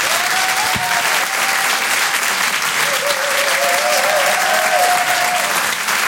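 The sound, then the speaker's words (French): Loud, sustained applause from a large audience, with scattered whistles and cheers rising above the steady clapping throughout. The audience at the Rire et chanson comedy show applauds as comedian Ahmed Sparrow is introduced. “Je vous demande de faire un maximum de bruit s'il vous plaît pour Ahmed Sparrow.”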